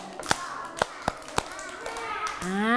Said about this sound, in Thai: ปรบมือห้าครั้งหนึ่งสองสามสี่ห้า